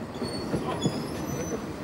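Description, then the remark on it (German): A Saxon narrow-gauge steam train on a special trip makes a final staged arrival at the Jöhstadt terminus, with a steady, loud rolling rumble, faint rhythmic clatter and thin high-pitched wheel squeals drawn out over the top. No one speaks. “Eine letzte Scheineinfahrt und dann.”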